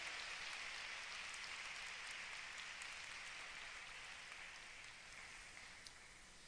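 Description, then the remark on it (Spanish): An audience at a Spanish-language church service applauds Jesus Christ at the preacher's call, a dense crackle of many hands clapping at once, holding a fairly even level before easing slightly toward the end. No one speaks over it. “Denle un aplauso a Jesucristo nuestro Señor.”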